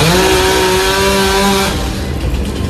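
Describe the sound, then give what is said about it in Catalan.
A chainsaw cutting up fallen trees for removal after a rainstorm in Barcelona runs with a loud, steady buzzing drone, then turns rougher and noisier as the blade bites into the wood, cutting continuously with no voices. “Sobretot arbres caiguts que s'han hagut de talar per enretirar o filtracions d'aigua.”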